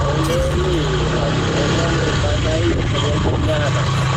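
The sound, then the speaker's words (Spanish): A motorcycle engine drones steadily for the whole stretch, a loud, low, even rumble with a buzzing edge. Faint voices murmur underneath. “Se escucha más ahí la moto, no sé qué es lo que es.”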